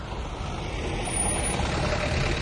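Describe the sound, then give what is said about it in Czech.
A truck rumbles steadily past, its broad engine and road noise filling the scene and swelling slightly louder midway through, with no voices. “Ale vízo, nakladné auto.”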